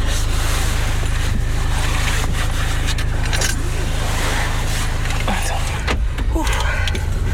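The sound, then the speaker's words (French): A car seatbelt is pulled across and fastened, with a metallic rattle and a few sharp clicks over a steady car engine hum; faint voices murmur. “Alors, la ceinture.”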